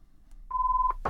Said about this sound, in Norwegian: Da ringer det.